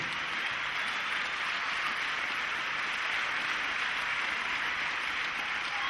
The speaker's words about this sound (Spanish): Y bueno, en esta noche, quiero que le den un aplauso bastante grande al señor Mario Marzán.